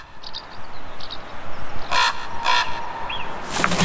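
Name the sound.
raven calling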